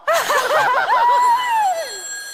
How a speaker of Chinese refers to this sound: 等会儿。电话。